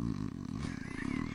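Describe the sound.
A voice imitates snoring with a loud, low, rough rattling growl that rumbles steadily for a second or so without pause.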